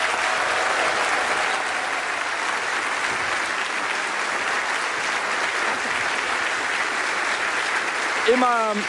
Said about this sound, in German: Ein großer Applaus für die Premiere